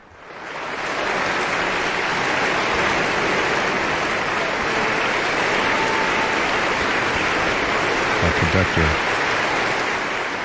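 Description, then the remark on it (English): A large concert audience in the Klein Music Tent at the Aspen Music Festival applauds loudly and continuously, a standing ovation as the conductor returns after the Aspen Festival Orchestra's performance of Matthew Alcoin's symphony Two Thresholds. The dense wash of clapping swells in within the first second and holds steady, with a few faint voices and cheers mixed in. “Our conductor has returned to wild applause and standing ovations.”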